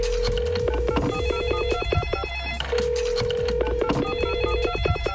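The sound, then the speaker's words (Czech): Two long steady ringback tones sound over a busy music bed, each lasting about two seconds with a short gap between, as an outgoing phone call to the head of the Hrady.cz festival waits to be answered. “No a my budeme volat s tím nejvyšším.”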